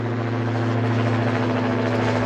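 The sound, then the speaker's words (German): A steady, loud engine drone with a strong low harmonic hum from a military drone's engine as the drone takes off, continuous, with no voices. “Das Motorengeräusch hier beim Start der Drohne werden die Leute zusammen künftig also öfters hören.”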